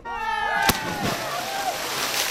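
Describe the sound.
A voice calls out just before a single loud splash of someone doing a cannonball into the sea, followed by a brief wash of churning water and background chatter.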